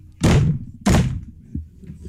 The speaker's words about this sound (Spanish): Compadre, llegué y toqué tres veces a la puerta de la casa del difunto.